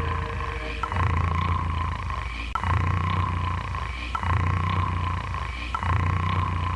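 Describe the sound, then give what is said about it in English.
A person snores loudly and steadily, about four rough, rumbling breaths repeating in an even rhythm, each with a low rasping drone and no talking. “You're snoring.”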